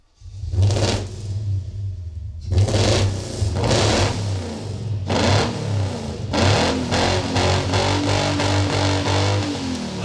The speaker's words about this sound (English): You know what? That does help. It really does help. I don't know why. It just helps. It makes me feel better. That's better. All I just needed was the sound of a good drivetrain.